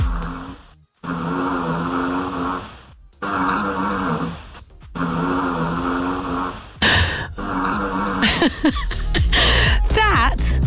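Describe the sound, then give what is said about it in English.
A pet dog named Tilly snores loudly under a bed at night, with long rasping breaths in a steady rhythm separated by brief pauses, ending in a burst of squeakier, more varied sounds. “I recorded her last night under our bed, snoring her head off.”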